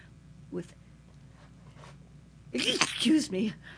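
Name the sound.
sneeze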